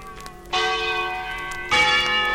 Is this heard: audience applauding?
no